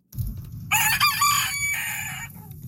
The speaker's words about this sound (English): Well, that rooster, pretty alarming. Woke you up.